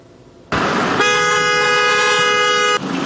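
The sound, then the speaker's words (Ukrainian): Car horns blare in a loud, steady blast held for almost two seconds, just after a burst of busy street noise, with no voices heard, at a weekly Sunday rally in Cherkasy, Ukraine. “Так, під автомобільні сигнали вже традиційно щонеділю у Черкасах відбувається акція «Не мовчи, полон вбиває».”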